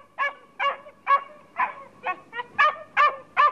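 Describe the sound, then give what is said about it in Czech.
A dog barks steadily on a stranded shipwreck, nine sharp, evenly spaced barks in quick succession, clear with no one talking. “Ty můj pejsku! Tak přece jenom tu nejsem sám.”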